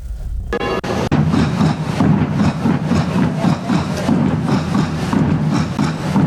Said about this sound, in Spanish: A la salida, los tambores de la burla de la cofradía del Cristo del Amparo, de la que también formaba parte, comenzaron a sonar en su honor.